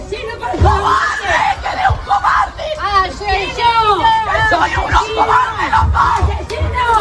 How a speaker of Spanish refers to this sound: han llegado sobre las 9:45 de la mañana en una furgoneta blindada de la Guardia Civil y claro, bueno, decenas de vecinos esperaban ese momento, gritos de asesinos, asesinos.